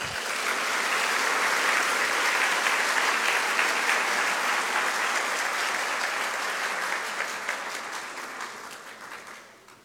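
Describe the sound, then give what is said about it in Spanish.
A crowd applauds loudly and steadily after a speech at an award ceremony, a dense wash of clapping that holds for several seconds before gradually thinning and fading toward the end. No one speaks. “para quien pido nuevamente fuertes aplausos.”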